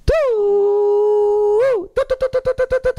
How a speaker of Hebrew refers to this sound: מתחילה האזעקה של השופר.